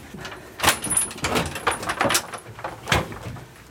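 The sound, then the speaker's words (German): A door at Burg Feuerstein in Franconia, Germany, is pushed open with a few sharp clacks and rattling metallic handling noises, followed by softer scraping as it is held open; no one speaks. “Ich halte mal die Tür auf.”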